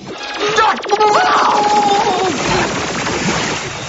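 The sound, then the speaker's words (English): A laser cannon, standard defensive equipment to prevent theft, fires in a loud, rapid burst of pulsing shots, with warbling electronic tones sweeping over the steady stream of blasts for a few seconds. “Our roof's gone. It's got a cannon. A laser, actually.”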